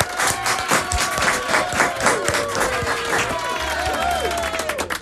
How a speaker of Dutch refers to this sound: Ik vind, nogmaals applaus voor jou.